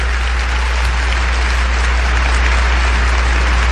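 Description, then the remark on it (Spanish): Steady applause from an audience for the Lord fills the whole stretch, a dense, even wash of many hands clapping at constant loudness with a low hum underneath and no voices. “Un aplauso al poderoso Señor.”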